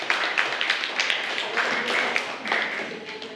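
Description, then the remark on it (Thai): A class of students clap together for a classmate in a steady, dense patter of hand claps lasting a few seconds, moderately loud, with faint voices mixed in. “ปรบมือให้กับเลขที่5ด้วยค่ะ”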